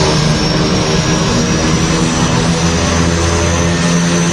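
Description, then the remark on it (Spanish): Steady, loud drone of propeller aircraft engines running continuously high above the ground, with a dense low rumble and a constant high whine, no voices present. “Y todo a un montón de pies del suelo y con el sonido de los motores de fondo.”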